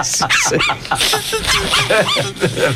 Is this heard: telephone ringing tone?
no